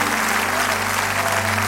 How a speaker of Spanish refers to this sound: Débele fuerte ese aplauso a Él.